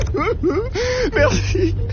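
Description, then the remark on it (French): A person crying, with wavering, sobbing wails that rise and fall in several broken bursts over a low background hum. “Mais c'est quoi qu'on entend, Abel? On dirait... Quelqu'un qui pleure.”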